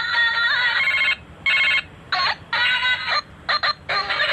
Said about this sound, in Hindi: Bell बज रही है। अरे बेल, वही तो मैं कह रहा हूँ, ये सुनिए जरा, बेल बज रही है, वो अजीब सी बेल है, मैंने तो किसी का पर्सनलाइज किया नहीं है आज तक।